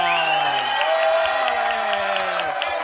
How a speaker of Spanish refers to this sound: ¡Un aplauso!